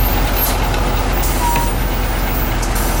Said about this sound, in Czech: Teď ten jeřáb to ucho vzal a přendává ho na to nákladní auto.